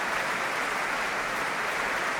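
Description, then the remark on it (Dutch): An opera audience applauding soprano Elisa Maieschi as she appears as Juliette: a dense, steady wash of many hands clapping at once, sustained and fairly loud throughout, with no voices heard. “En je hoort het aan de zaal.”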